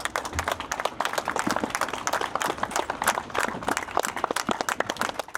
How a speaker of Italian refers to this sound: Lunghi applausi dei compaesani di … hanno accompagnato l'uscita del feretro dalla corte esterna della casa.